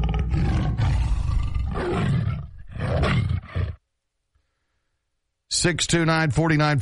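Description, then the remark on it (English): A tiger named David roars loudly in several rough, rumbling bursts, then falls silent for a moment before a short burst of voice. “David's the tiger.”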